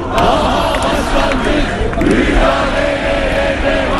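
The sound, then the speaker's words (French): A large crowd of activists of Turkey's main opposition party, the CHP, in Ankara shouts angrily in unison, a loud, continuous roar of many voices with rising chant-like surges and no break in the din. “Ils ont beau crier leur colère, les militants du principal parti d'opposition, CHP, ont le cœur lourd ces derniers temps.”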